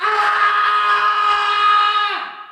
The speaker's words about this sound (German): schreit in der Nacht.